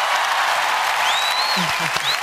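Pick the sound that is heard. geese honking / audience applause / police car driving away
audience applause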